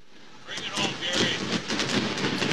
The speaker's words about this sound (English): The fireworks going off here in Chicago. Fireworks during the game as well.